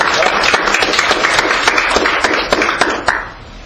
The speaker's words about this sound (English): Let's give you a good hand clap of praise tonight. Amen.